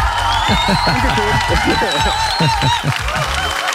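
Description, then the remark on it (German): A loud, continuous burst of crowd applause with cheering voices mixed in, played on the radio station 95.5 Charivari, steady in volume throughout and alone, with no separate talk over it. “Hört sich gut an, irgendwie so ein Applaus, ne?”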